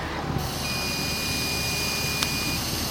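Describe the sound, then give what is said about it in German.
Someone blows steadily into a breathalyzer while it emits a continuous high-pitched electronic tone for about two seconds, with a single sharp click near the end and a soft airy hiss throughout. “Ich habe eben so ein Gerät und puste einfach mal rein, weil, naja, ich hatte gestern vielleicht auch das ein oder andere Bierchen.”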